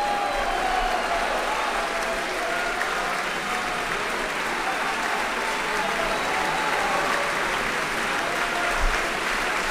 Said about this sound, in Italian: Grande applauso per questo tenore, che ormai non so, va oltre la leggenda, perché è praticamente un tenore che interpreta tutti i ruoli, da Rossini, da Mozart, fino a, appunto ai più audaci personaggi del verismo.